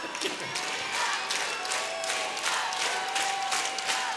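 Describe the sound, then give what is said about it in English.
A concert crowd at Dalhalla shouts and cheers together in a dense, steady roar that swells in repeated surges over a few seconds, with some clapping mixed in. “Thank you to the 50 people here that shouted that.”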